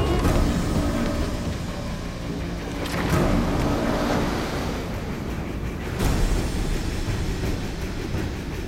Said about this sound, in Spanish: Un oficial persa gesticula mirando hacia otro navío y varios hombres se lanzan al agua. Todos llevan una gruesa mochila en la espalda.